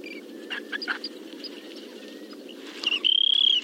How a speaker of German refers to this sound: Unser Vogel der Woche, der Wüstenverkünder, Wüstenregenpfeifer.